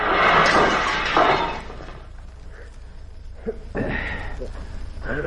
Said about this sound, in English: Look out, pal. You'll hit that tree. No! Watch it.